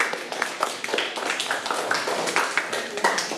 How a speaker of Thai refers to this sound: มารับรางวัลเลยค่ะเด็กๆปรบมือให้เพื่อนค่ะลูก